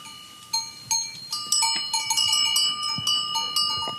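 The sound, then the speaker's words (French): Many livestock bells clank and jingle in an irregular, overlapping rhythm as a herd of cows and sheep returns home through village lanes at sunset, moving steadily, with no voices. “Dans les ruelles, vaches et moutons rentrent.”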